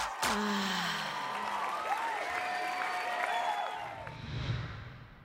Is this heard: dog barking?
no